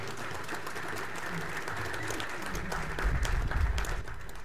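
Sustained audience applause, a dense crackle of many hands clapping at a steady level, with a low rumble swelling near the end and no voices rising above it.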